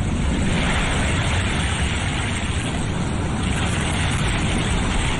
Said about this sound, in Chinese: 妈妈说，把海螺放在耳边，就能听到大海的声音。你听。